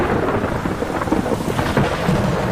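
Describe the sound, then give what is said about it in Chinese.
A heavy thunderstorm with steady, dense rain and deep rumbling thunder rolling throughout, loud, with no voices present. “暴风雨常常对白鹳构成威胁，因为它们的巢完全暴露在外”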